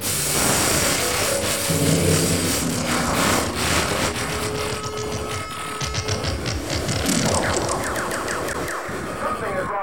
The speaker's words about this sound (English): Do you hear that noise? I said, do you hear that noise? There it goes again. You hear it? That awful interference wrecking your orgasm on the Playboy Channel.